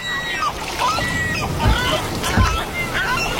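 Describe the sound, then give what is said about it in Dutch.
Oars dip and pull through water as a boat is rowed toward a beach, two splashing strokes less than a second apart, over a steady wash of water and faint high bird calls. “Ja, nog een stukje roeien.”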